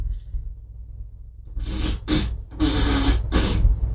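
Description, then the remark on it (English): An Alexa smart speaker plays a fart sound effect on request: after a second or so of low hum, a long raspy, sputtering blast breaks into several noisy bursts that grow louder toward the end. “Alexa, ask for a fart.”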